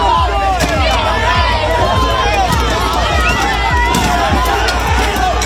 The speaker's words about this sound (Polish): To fragment starcia protestujących z policją.